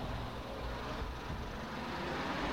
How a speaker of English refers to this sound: Oh, here's the bus here.